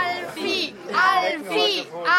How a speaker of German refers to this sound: Alfie! Ich höre hier Anfeuerungsrufe, aber die hören das nicht. Die haben nämlich gar kein Gehör.